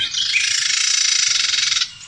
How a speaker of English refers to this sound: That is a Carolina Wren as well. Yeah, that is the same bird. Oh, man. That is, I think the bird is agitated when it makes that noise. Okay, I see that. Yeah. Yeah. That's a call, yeah.